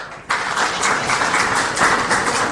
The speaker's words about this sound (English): Particularly compared to last year where you only had 1%. I thought you'd be clapping more than that.